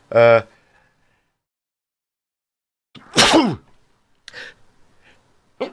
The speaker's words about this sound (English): Excuse me, sneezing live on air.